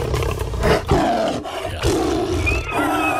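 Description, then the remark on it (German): A lion roars loudly, several deep rumbling roars in quick succession with brief gaps between them, no talking. “Der Löwe. Da rennt die Jäger weg.”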